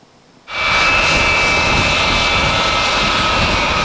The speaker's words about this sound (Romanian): It's the first time that the NATO AWACS has landed at Lija Varna Air Base in Latvia.